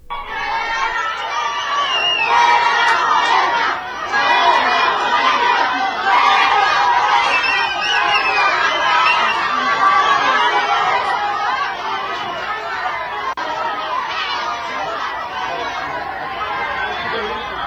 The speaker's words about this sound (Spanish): Bueno, ese apoyo no se ve. Dijeron después, es que la gobernadora mandó a gente a gritarle. Seguramente sí.